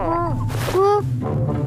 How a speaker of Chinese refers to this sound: 喜羊羊，你肚子叫得好大声。 是你的肚子在叫。 人家一直在找你们，东西都没吃。